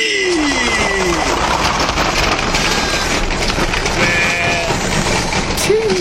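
sheep bleating

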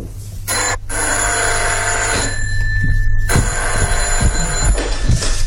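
telephone bell ringing

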